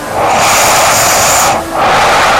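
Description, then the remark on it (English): Heavy, hissing nasal breathing during sleep: one long, loud rush of air, a brief gap, then the next breath begins. The airflow sounds rough and steady, with no voices. “It sounds like a CPAP machine.”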